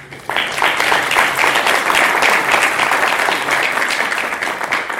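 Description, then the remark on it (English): An audience breaks into loud, sustained applause to thank the keynote speaker after a brief quiet moment, many hands clapping in a dense, steady wash that holds for several seconds without fading much. “Can you please clap?”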